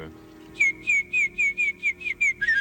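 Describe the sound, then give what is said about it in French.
A whistled imitation of a warbler's song: about nine short, bright, slightly rising notes repeated in a quick, steady rhythm, ending in a faster flutter. No voices. “Ah non, c'est la fauvette, monsieur.”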